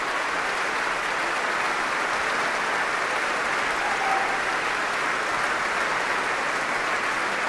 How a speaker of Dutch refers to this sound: En opnieuw een groot applaus voor Solgabetta. Ze buigt hier voor dit enthousiaste publiek. Groot applaus ook van de muzici van het Concertgebouworkest voor haar.